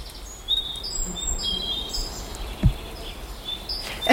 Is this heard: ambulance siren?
no